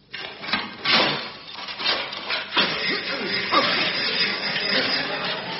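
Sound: sawing through metal bars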